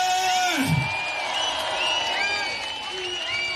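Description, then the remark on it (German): A large audience applauds and cheers loudly and continuously, with whoops and piercing whistles rising above the dense wash of clapping and crowd noise. “Und deswegen gibt's für dich einen unfassbaren Applaus”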